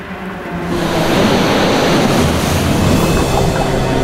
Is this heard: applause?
no